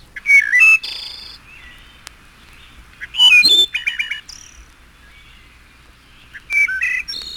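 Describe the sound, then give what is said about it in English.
A wood thrush sings three separate flute-like phrases, each opening with soft notes and ending in a buzzy, ringing trill, spaced a few seconds apart. The singer is clear against a quiet background. “Wood thrush.”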